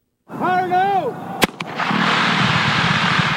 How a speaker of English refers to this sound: To install one 6.5-mile pipeline, workmen set off a dynamite blast last week, breaking up rock that was in the way.